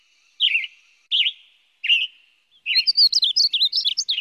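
A bird gives three separate chirped calls, each about half a second apart, then breaks into a quick, warbling run of bright notes. Clear, with no voices.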